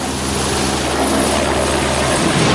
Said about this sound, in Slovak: Jeho potom vrtuľníkom transportovali na úrazové oddelenie do nemocnice na Popradu.